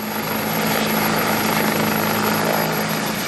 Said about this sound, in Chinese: 清晨，随着指挥员一声令下，十余架挂载实弹的武装直升机依次升空，以超低空编队方式隐蔽出航，直扑目标区域。